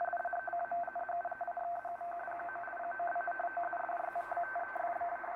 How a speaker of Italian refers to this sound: Ora, questo è un segnale strano, è composto da due toni e la nostra esperienza ci fa pensare subito a qualcosa di digitale, bit 0 e bit 1, e effettivamente è così.